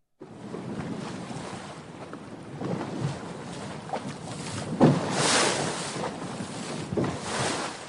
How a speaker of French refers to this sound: Chers auditeurs de RCF, vous avez décidé de faire une balade sur une pinasse entre le port d'Arcachon et les passes situées entre la dune du Pilat et le Cap Ferré.